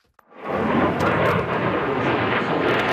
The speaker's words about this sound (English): At a major international air show in the UK, the next generation of fighter jet is on display. The UK, Japan, and Italy are working together to build it by 2035.